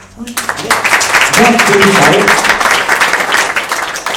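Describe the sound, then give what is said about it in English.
An audience at the opening of a spiritual and cultural center breaks into loud, steady clapping that swells quickly and holds as a dense wash of applause for about four seconds, with a few voices calling out beneath it. “Remember one thing, when you're clapping hands, a lot of your points, you know, acupressure points, they get become active.”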